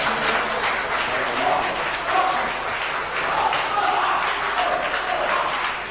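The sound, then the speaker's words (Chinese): An audience claps steadily and densely for about six seconds after a Chinese crosstalk (xiangsheng) performance of the piece 'Wai Pi San Guo', a sustained wash of many hands that holds a fairly even loudness throughout without fading away. “感谢您的掌声， 谢谢大家。”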